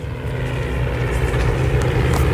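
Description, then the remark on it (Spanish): A vintage Spanish Civil War propeller aircraft engine drones steadily and loudly, a constant low rumble with a rough, throbbing texture and no pauses, with no voices, during an aerial battle reenactment in Villanueva del Pardillo, Spain. “Escuchen el motor.”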